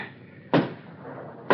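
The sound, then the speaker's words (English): Two loud, heavy knocks on a door, about a second apart, each a dull low thud over a faint steady hiss, with no voices. “Someone knocking.”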